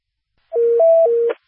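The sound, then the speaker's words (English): A loud fire dispatch paging alert, the second tones for Lansing Township Stations 51 and 52 on a medical call: steady electronic beeps switching back and forth between a lower and a higher pitch for about a second, with no voices. “Stand by for second tones.”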